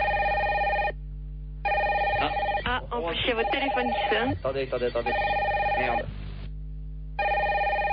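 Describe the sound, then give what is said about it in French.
A telephone rings in repeated electronic bursts with short pauses between them, at a client's home in Marseille. A voice talks over the middle rings, which stay loud. “Ah, en plus, il y a votre téléphone qui sonne.”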